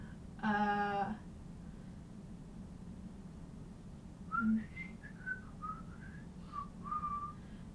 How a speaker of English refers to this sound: You can hear a cosmic whistling over there. Attempting to. You kind of suck at it, so.